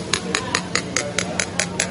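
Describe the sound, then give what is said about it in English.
A spoon taps a cup of water fizzing with stirred-in Alka-Seltzer about nine times in a quick, even rhythm, each tap a short, dull, low-pitched clink over a faint steady hiss. “And now, I don't know whether you can hear that, but the pitch of the sound has gone right down.”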